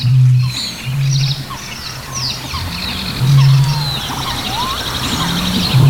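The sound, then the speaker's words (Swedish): A dense chorus of wild animals of many species, recorded at the boat jetty by the lake Tåken in Östergötland, Sweden: many overlapping bird chirps, whistles and trills, with repeated deep, booming calls that pulse in and out underneath. No one speaks. “Ja, det är ju en liten kakafoni av olika arter.”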